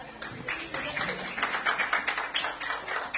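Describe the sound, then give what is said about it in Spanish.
An audience at SADE applauds, a dense, steady wash of many hands clapping that holds at moderate loudness for about three seconds, swelling slightly midway. “Un aplauso para...”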